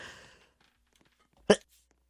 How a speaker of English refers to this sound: Sorry, I had to sneeze.